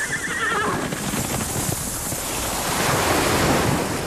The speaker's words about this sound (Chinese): 大海。如果有一天，这些美好的声音突然消失